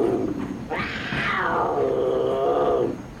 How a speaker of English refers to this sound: You know, last trip, a mountain lion showed up right over that tunnel. There's one now. So you better all be real quiet.